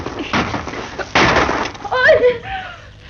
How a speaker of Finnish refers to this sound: Ei, ilmaan. Joku ampui ilmaan vaan.